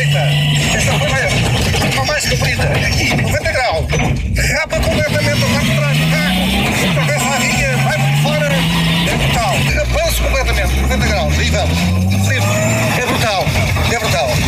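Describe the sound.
A rally car engine roars, its pitch climbing repeatedly through gear changes as it accelerates hard during a co-drive sponsored by ESCO Online and promoted by SAR Motorismo, with people in the cockpit talking loudly over the noise.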